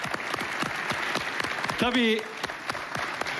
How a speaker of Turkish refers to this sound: Hepsine birer alkış isteriz. İstanbul radyomuz, Trabzon radyomuz, Erzurum radyomuz, GAP Diyarbakır radyomuz, Çukurova radyomuz, Antalya radyomuz ve İzmir radyomuz. Her birinde çalışan arkadaşlarımızı biz de yürekten alkışlıyoruz. İyi ki varlar.